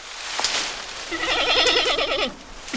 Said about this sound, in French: On dirait un cri de chèvre. Ah, j'ai trouvé. C'est un grand panda. Le grand panda vit dans les montagnes chinoises, entre 1800 et 3500 mètres d'altitude.